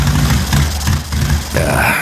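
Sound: motorcycle engine sputtering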